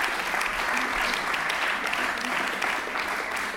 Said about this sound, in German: Und ich glaube, das ist auch heute mal ein Applaus für den stenografischen Dienst wert.